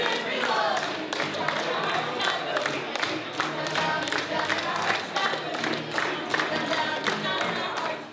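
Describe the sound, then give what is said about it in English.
A large crowd claps steadily and cheers loudly for several seconds, with dense rapid handclaps layered over a sustained roar of voices, all at an even, energetic level. “I want to hear it, you know, to the rafters, you know, clap.”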